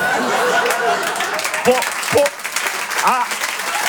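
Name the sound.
audience applause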